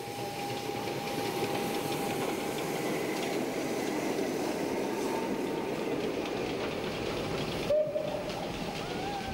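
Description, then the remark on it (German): A steady, dense rumble of a steam tram, one of the last steam tram trains in Europe, rolling along rails on the route from Eberstadt to Alsbach, with a faint whistle-like tone running through it and a brief sharper hiss near the end; no voices. “Und zwar einen der letzten Dampfstraßenbahnzüge Europas mit dem vielversprechenden Namen Feuriger Elias”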